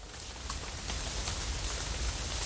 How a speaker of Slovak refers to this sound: Spustil sa vám taký lejak, aj krúpy padali.